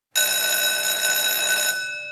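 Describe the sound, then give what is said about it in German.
A school break bell rings loud, starting abruptly and holding a bright, steady, metallic tone for about two seconds before easing slightly at the end, with no voices present. “Beim Klang der Pausenglocke stellten sich alle in ordentlichen Zweierreihen auf und marschierten fast wie Roboter aus dem Raum.”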